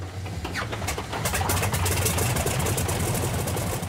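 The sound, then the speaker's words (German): A vintage aircraft's 600-horsepower, 21-litre radial engine rumbles steadily, its deep throbbing growl swelling after the first second into a continuous roar, with faint birdsong audible near the start, at a tractor meet in Alt-Sarnitz. “600 PS hat der Sternmotor, 21 Liter Hubraum.”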